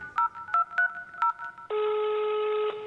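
Four short touch-tone telephone dialing beeps pressed in an uneven rhythm, followed by a long, steady electronic tone that holds for about a second, clear and close with no talking.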